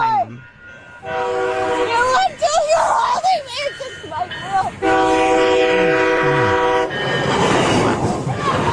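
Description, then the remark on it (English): A train roars past close by, its horn blaring in long, loud blasts with a rumbling clatter underneath, while voices shout over the noise. “You're going to get run over by the train.”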